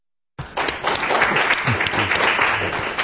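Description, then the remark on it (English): A crowd applauds steadily at a book discussion at the American Enterprise Institute, a dense wash of many hands clapping that starts abruptly and holds at full strength, with faint voices murmuring underneath. “We applaud first because it's all downhill from here.”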